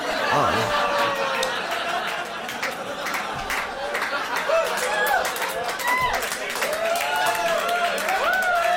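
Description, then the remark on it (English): An audience reacts with scattered clapping mixed with cheers, whoops and laughter, a dense, steady wash of crowd noise that stays fairly loud for the whole stretch. “Some people clapped. Some people cheered.”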